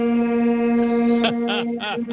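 A loud truck air horn blares in one long, steady, brassy blast, continuous, with a few wavering, warbling bursts layered on near the end.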